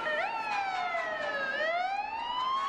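A fire truck siren wails steadily, its pitch sliding slowly down and then climbing back up, loud, with a faint rumble of traffic underneath.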